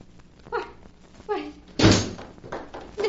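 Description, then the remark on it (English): A door is opened at night in answer to a knock, with a couple of creaky, scraping sounds, then slams shut with a loud, heavy thud, followed by a softer bump. No one speaks. “But I opened the door and there wasn't anyone there.”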